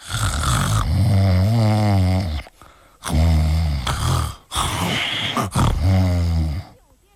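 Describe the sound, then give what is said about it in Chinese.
A storyteller imitates loud snoring of the prisoner Cheng Yaojin, who falls asleep while being flogged in a county court: three long, rattling snores with a wavering, droning pitch, each followed by a short pause for breath. “这掌刑的赶紧禀报县大老爷：“县太爷，您瞧这犯人他睡着了，把他叫醒了。”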